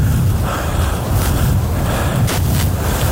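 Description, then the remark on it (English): Waves crash onto a shoreline with dunes in a steady, rumbling roar, with a couple of louder surges breaking through. Heavy wind buffets the microphone throughout, and no one speaks. “You can hear the crashing of the waves coming in on the shore.”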